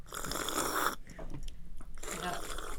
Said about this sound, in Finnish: Mitä te syötte nyt? Omenaa ja omenaa.